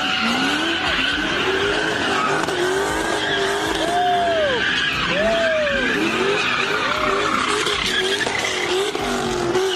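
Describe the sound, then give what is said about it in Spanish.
A group of young people doing street donuts in cars while a police officer tries to stop them, with continuous loud tire screeching and skidding over revving engines; the squeals rise and fall in repeated arcs, and faint crowd noise sits underneath. “Así fue como un grupo de jovencitos se burló de este policía que intentó ponerle un alto a las donitas callejeras.”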